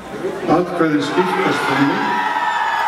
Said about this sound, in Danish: Og da det i nat begyndte at ligne et nej, var der naturligvis jubel blandt modstanderne af forslaget.